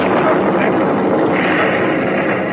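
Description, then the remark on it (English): A loud, steady roar of warplane engines starting bomb runs drones overhead, a dense unbroken rumble that holds at full volume throughout, with no distinct explosions standing out. “Those planes are going to start bomb runs.”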